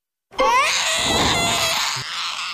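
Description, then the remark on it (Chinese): A loud baby cry from a trailer for a Jackie Chan film: one sustained, piercing wail that rises in pitch at the start and holds steady for a couple of seconds with no other sounds. “别哭了，我求求你，哭了外面快穿了。”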